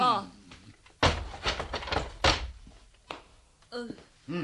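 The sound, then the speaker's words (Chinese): A prison door is unlocked and opened by a jailer: a burst of clattering latch rattles and knocking thuds over about a second and a half, with brief voices before and after. “好啦好啦吓，谅你都唔敢呃我嘅，等我开门啦吓。”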